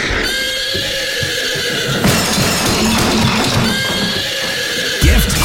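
A startled horse, Rock of Gibraltar, lets out a loud, shrill whinny, its quavering cry rising and falling for several seconds with a rough snort near the end; no one speaks.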